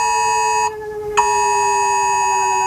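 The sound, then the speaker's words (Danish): A civil defense warning siren test in Denmark, sounded from rooftop sirens on the first Wednesday of May: a loud, steady electronic tone with rich, buzzy harmonics that holds without pitch change, briefly thinning out before resuming at full strength. No one speaks. “Og ringer i de her minutter fra sirener på hustage og fra millioner af telefoner, som de fleste af os har lige ved hånden, der lyder det sådan her.”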